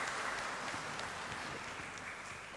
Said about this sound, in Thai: ขอเสียงปรบมือนะครับแสดงความยินดีกับคุณพ่อเจ้าอาวาสของเรานะครับ